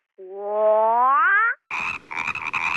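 A frog croaks loudly: first a long, rising, drawn-out call, then a brief pause and a raspy, pulsing run of croaks. No one speaks.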